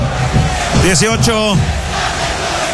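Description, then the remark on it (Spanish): A football stadium crowd roars and chants steadily in support of Curicó during a match against Concepción, with a few loud voices rising in drawn-out, wavering shouts above the dense, continuous wash of cheering. “Grita la gente, canta, apoya a Curicó en este partido muy difícil.”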